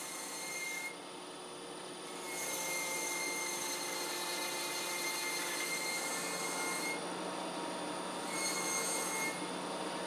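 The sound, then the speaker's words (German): A rotating bell knife cuts off the overhanging sole of a running shoe during production, with a steady, shrill mechanical whine and grinding rub. The high scraping tone swells and eases in sections over an even machine hum, with no voices. “Mit einem rotierenden Glockenmesser wird die überstehende Sohle abgeschnitten.”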